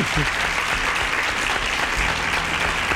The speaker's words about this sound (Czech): Ano, je to tak. Potlesk pro vás.